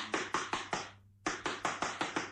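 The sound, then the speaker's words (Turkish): Someone knocks on a door in two quick, steady bursts, about five sharp raps, a brief pause, then six more, clear with no voices. “Kapıyı vurayım bakayım.”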